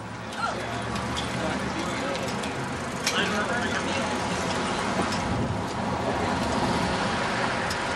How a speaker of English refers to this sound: Car back!